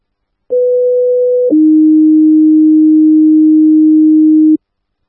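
Loud radio dispatch alert tones before Engine 48 is sent to a medical call at 1735 Ventura Way: a steady higher pitch holds for about a second, then switches to a lower, sustained tone lasting roughly three seconds, clean with no talking.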